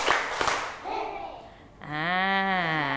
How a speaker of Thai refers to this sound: พร้อมแล้วปรบมือ1ครั้งปรบมือ2ครั้งปรบมือ3ครั้ง